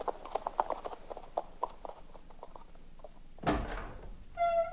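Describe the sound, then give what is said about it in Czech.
A horse's hooves clip-clop in a steady walking rhythm as it is led to the stable, then a sharp knock or door thud cuts in, followed by a brief tonal creak or whine near the end. “Běž do kuchyně, Suchárku, a počkej tam na mě. Zavedu jen koně do stáje.”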